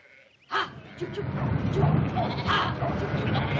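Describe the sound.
A flock of sheep being driven across the corner of someone's land bleats almost continuously, overlapping calls rising and falling, with a constant shuffling din of the herd and faint voices mixed in underneath.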